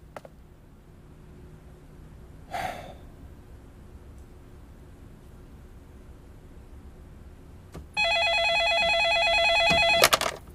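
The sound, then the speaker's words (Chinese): A telephone rings in a single steady, bright burst of about two seconds near the end, as an outgoing call is placed, preceded by quiet with a faint low hum and one brief rustling click. “我去回个电话。”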